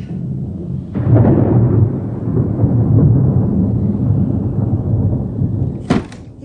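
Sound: thunder crashing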